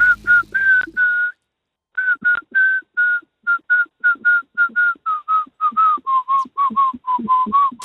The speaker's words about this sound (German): Dann kannst du das … mal pfeifen?